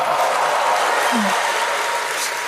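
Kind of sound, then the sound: crowd, audience applause and cheering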